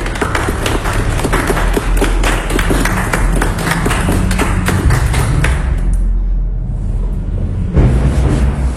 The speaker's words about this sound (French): Ils applaudissent tous Madjigé.